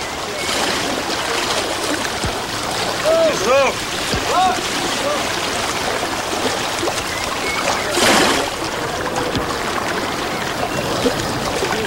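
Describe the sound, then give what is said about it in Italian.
A low, wide motor fishing boat of the Galilee type out on a freshwater sea in Galilee, where fishermen cast nets into the water by hand. Steady sloshing and lapping throughout, a few short high calls early on, and a louder splash near the end. “I pescatori preparano le reti a riva, vanno in mare e le gettano a mano nell'acqua.”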